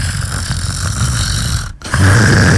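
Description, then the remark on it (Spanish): A person imitates a man's snoring with a rough, rasping inhaled snore that rumbles for over a second, breaks off briefly, then resumes louder. “Pero él ronca como.”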